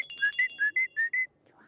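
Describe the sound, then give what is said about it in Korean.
A trained pet bird, Kkong-a, whistles on cue a quick series of six bright, clear notes in an even rhythm, fairly loud, with a faint voice murmuring at the very end. “휘파람 시작.”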